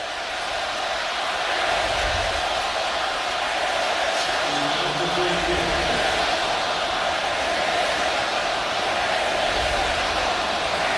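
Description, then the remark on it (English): A steady, dense football stadium crowd roar fills the whole stretch late in the game, with a faint, indistinct chant of many voices rising briefly in the middle, hard to make out beneath the wash of noise. “Got the crowd chanting something.”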